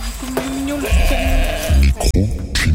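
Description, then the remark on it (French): The sheep and goats of a high-mountain shepherd in Ariège, in the Pyrenees, bleat: several loud, wavering calls overlapping one another in quick succession, with a low rumble of farmyard noise underneath. “Le berger, la stagiaire et les moutons.”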